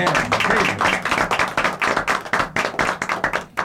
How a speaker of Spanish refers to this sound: Hoy les tendemos la mano. Es un gusto recibirlos, bienvenidos, y así vamos a aplaudirlos.